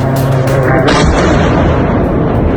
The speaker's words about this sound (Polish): Ukraiński prezydent w mediach społecznościowych podzielił się nagraniami, na których widać eksplozje i rosyjskie zakłady w ogniu.